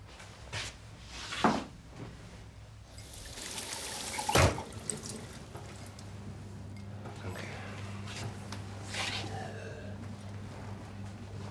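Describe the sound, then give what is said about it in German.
A cupboard door clunks open, then water is poured into a glass with a brief splashing trickle, followed by a low steady hum. “Hast du vielleicht ein Glas Wasser für mich?”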